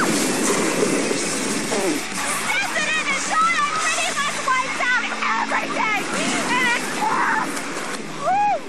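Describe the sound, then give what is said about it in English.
A six-foot wave breaks in the inland wave pool of Typhoon Lagoon at Walt Disney World, crashing and rushing through the water with a loud, steady roar, while a crowd of excited people shout and shriek over the churning surf. “Typhoon Lagoon is home to one of the largest inland wave pools in existence. This baby breaks up a 6-footer every 90 seconds.”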